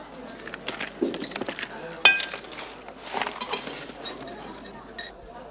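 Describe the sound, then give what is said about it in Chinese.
A bunch of apartment keys, sent by express delivery from the municipal government office, jangles and clinks in irregular bursts for several seconds, with one sharper, bright metallic ring partway through before the rattling trails off. “故以特快专递方式将钥匙赶送给您。”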